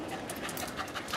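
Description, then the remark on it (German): A detection dog pants rapidly and steadily during a search, quick breathy huffs repeating in a rhythm with no voices present. “Der Hund hat von sich aus nichts gefunden.”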